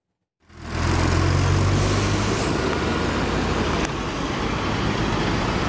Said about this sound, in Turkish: Abi korkuyoruz çünkü üstünden tonlarca araba geçiyor. Zaten köprü de gördüğünüz gibi Allah'a emanet. Tehlike yaratıyor yani.